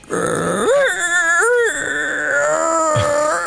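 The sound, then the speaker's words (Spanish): A man's voice imitates a whimpering dog suffering from gastritis, with rising and falling whiny moans and grunts, loud and continuous for a few seconds with no words. “imitando el sonido de un perro con gastritis.”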